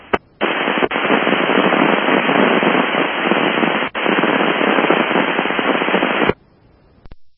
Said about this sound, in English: Dispatch 43, all I heard was static, over.